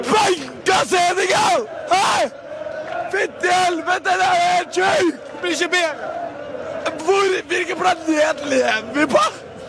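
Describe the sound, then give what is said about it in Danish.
An ecstatic Norwegian football fan yells and shouts excitedly after Norway beat Senegal 3-2, in a long, breathless burst of cheering, running out of breath at the end, with loud overlapping vocal outbursts and crowd-like hubbub behind. “Og sådan her lød det blandt andet fra en ekstremt glad fan efter kampen mod Senegal, som vores norske naboer slog 3-2.”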